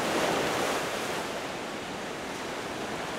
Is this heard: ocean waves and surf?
yes